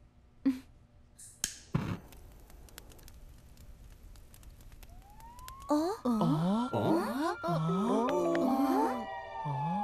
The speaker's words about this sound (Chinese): 又是消防车？ 难道是？ 那儿着火了！哇，真的是消防车！ 真的来了！